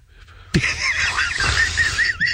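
Loud, shrill gull cries burst in abruptly and carry on for about two seconds as an overlapping, squealing chorus, harsh, with no one talking.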